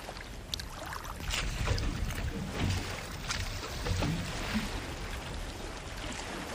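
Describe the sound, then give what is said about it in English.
A simple engineless dugout canoe made from a tree trunk, used for fishing in coastal waters or mangrove swamps, glides across water, with a steady wash of rippling water and a few soft splashes, like paddle strokes. No one speaks. “Fishing is carried out in coastal areas or mangrove swamps from simple craft without engines constructed from tree trunks.”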